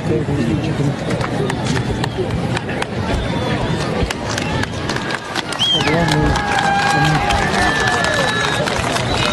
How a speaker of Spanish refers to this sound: Hay un grupo de fujimoristas, lo aplaudía algún grupo, pero la mayoría lo abucheaba, lo rechazaba.